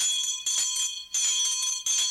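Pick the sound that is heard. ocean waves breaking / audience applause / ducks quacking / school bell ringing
school bell ringing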